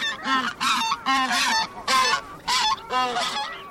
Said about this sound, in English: Watching the spectacle on the lake are hundreds of geese, yellow-billed loons, and one of the most beautiful birds of the Arctic, king eiders.